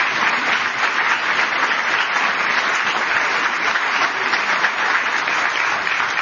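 Sustained, steady applause from a large audience at the George W. Bush Presidential Center welcoming Ann Wicks and David French, a dense wash of many hands clapping at an even loudness for several seconds with no voices standing out.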